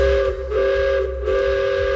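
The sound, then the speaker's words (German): A loud, sustained steam train whistle sounds with a steady pitched tone, slightly wavering, over a low rumble of machinery throughout, with no one talking. It comes from a volunteer-run steam train in the Achertal valley in the Black Forest, Germany. “So klingt's jetzt endlich wieder im Achertal im Schwarzwald. Ehrenamtliche Helfer haben's geschafft, dass hier nach vielen Jahren wieder ein Dampfzug fährt.”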